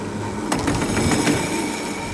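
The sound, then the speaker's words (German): An old tram, about 130 years old, rumbles steadily along its rails, with a few sharp metallic clacks from the wheels midway, continuous throughout, with no one talking. “Von der Seilbahn gehen wir zu einem anderen Verkehrsmittel, zum Tram. Aber nicht zu einem ganz normalen, modernen, sondern zu einem aussergewöhnlichen alten Tram.”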